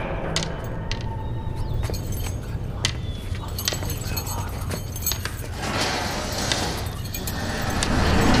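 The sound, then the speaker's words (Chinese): Keys to a hospital ward jangle and clink repeatedly, a scattered metallic rattling over a steady low rumble of background noise, with faint voices murmuring. “来，这是里面的钥匙，进去吧。”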